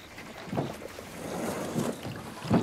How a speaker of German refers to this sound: Da, das ist ein Boot. Ist das das Boot? Ja, das gehört Ihnen.